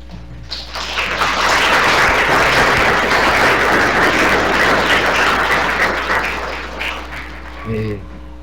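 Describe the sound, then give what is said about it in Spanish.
An audience applauds during a parish Eucharist, a dense, steady wash of many hands clapping that swells quickly, holds loud for several seconds, then thins out as a voice begins speaking at the end. “Dios le pague por el gesto del aplauso.”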